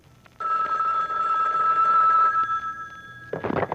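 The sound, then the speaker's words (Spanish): A telephone rings with a steady, shrill electronic tone that lasts about three seconds, fairly loud, then cuts off as a brief rustling burst of sound follows. “cuando suena el teléfono hasta el dolor de pata se la quita, véanlo.”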